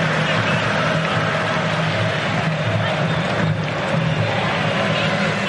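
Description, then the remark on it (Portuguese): A stadium crowd of Mexico football fans at the Azteca roars during a match against Brazil in a steady, loud, continuous wall of sound, dense cheering and chanting with no pauses throughout. “Torcedor subiu o volume.”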